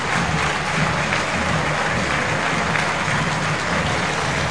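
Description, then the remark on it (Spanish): A big stadium crowd at a Boca match applauds Leandro Paredes as he goes to take a corner, a dense, roaring wash of clapping that holds at full volume throughout with no pauses and no one speaking over it. “Escuchen los aplausos de la gente.”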